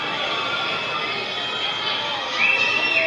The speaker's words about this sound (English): Pretty good crowd here at the yard today for an 11 a.m. start.